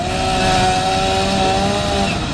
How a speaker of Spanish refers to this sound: Ahí está, se escucha la motosierra, todas las cosas.